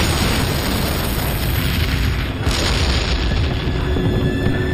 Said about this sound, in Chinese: 我们趁苏军不备溜出坦克，偷偷摸到苏军的坦克边上，将炸药包安在2辆 T-34 坦克上，然后赶紧离开躲起来。爆炸声响彻夜空，紧接着我们又把2个炸药包安在其他 T-34 坦克上。